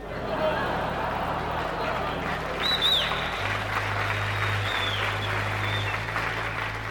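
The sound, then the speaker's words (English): A large crowd cheers and applauds in a dense, steady roar lasting several seconds, with a low droning hum underneath and a couple of brief high whistles partway through. “The crowds are fantastic.”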